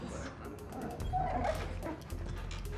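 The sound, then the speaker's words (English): Dogs yip and whimper in quick, overlapping bursts, moderately loud, over a steady low rumble, with a brief higher whine near the middle. “It's the dogs.”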